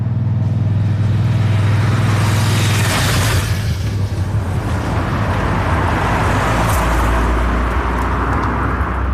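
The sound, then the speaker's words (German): Cars and motorbikes rush past every minute on a narrow road directly in front of a restaurant at Schönmatt, Switzerland, shortly before 5 o'clock, a loud continuous engine roar with a pass around three seconds and another building near the end, low rumble throughout. “Eine schmale Strasse geht direkt vor dem Restaurant durch. Töpfe und Autos sausen vorbei im Minutentakt.”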